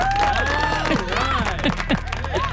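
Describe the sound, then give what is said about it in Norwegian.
A burst of applause and cheering from a crowd, dense clapping under excited shouts and whistles, loud and steady for a couple of seconds. “Jeg må gi meg en selv applaus, vent da.”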